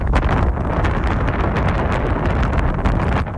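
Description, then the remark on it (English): Strong wind roars and buffets steadily across the microphone high up during a flight over the Pacific, a loud, continuous rumbling gust with crackling bursts and no clear pause, drowning out anything else. “Unfortunately, it was quite windy up there, so couldn't really hear them.”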